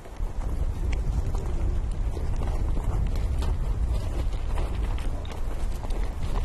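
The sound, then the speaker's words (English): Many hooves pound and clatter as nomads herd their horses past in autumn, a dense, continuous rumble of footfalls mixed with heavy wind buffeting the microphone. “Nomads are busy herding their horses.”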